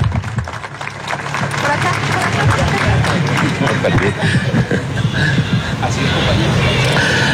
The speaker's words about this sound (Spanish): Con un caluroso aplauso al alcalde del municipio de Rameriquí, el doctor Camilo Andrés Ávila Márquez.